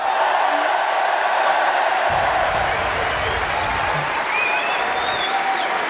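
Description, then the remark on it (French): A large tennis crowd at Roland-Garros in Paris applauds steadily after a player's second-round win, dense clapping filling the whole stretch, with scattered whistles and cheers rising above it. “Allez, le public qui l'applaudit, attention.”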